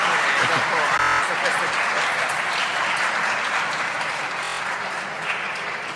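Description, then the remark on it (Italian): Steady, dense audience applause fills the whole clip at a fairly loud, even level, many hands clapping at once in a continuous crackling wash. “No, ma di dietro si applaudono tutti i giorni.”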